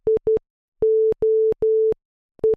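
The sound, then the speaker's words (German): Morse code SOS tapped out in a steady, single-pitched electronic beep: quick short tones, three long drawn-out tones, then short tones again, clear with no voices. “aber das ist der Morse-Code für SOS gsi.”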